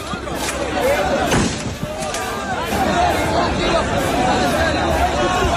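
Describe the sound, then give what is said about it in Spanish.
A dense crowd clamors and shouts continuously amid crowd surges while police fire several sharp, loud riot-control warning shots into the air, not bullets, at irregular intervals over the din to clear the area. “Hubo nervios, avalanchas, la policía tuvo que actuar con disparos disuasorios al aire y acabó por desalojar la zona.”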